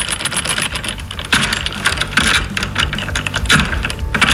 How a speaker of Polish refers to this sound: wyciąga w tej chwili klucz, podchodzi do naszej pancernej szkatuły i... O, i...